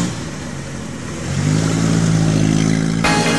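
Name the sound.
car engine revving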